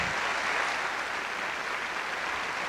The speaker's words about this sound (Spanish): Así que pido un fortísimo aplauso para recibir en este teatro a Alfonso Alguicira, por favor. Bienvenido.